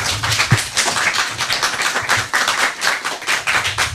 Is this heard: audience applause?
yes